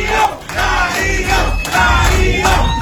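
A large crowd of residents of the 8 de Noviembre neighborhood in Machala cheers and shouts loudly and continuously, with applause, welcoming Machala mayor Darío Macas Salvatierra at the signing of a contract for a new park, on the sector's sports court, with a dance group present. A dense, energetic roar for the whole few seconds.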